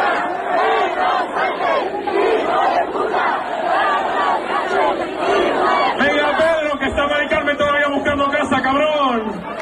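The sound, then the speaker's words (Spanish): A large crowd of thousands of young people sings, chants and dances at an afternoon party during the Sementera festivities in Torrijos, Toledo, many voices blending loudly and continuously into a rhythmic, shouted refrain with rising and falling melodic phrases. “Pues tardeo de fiesta con miles de chavales cantando y bailando.”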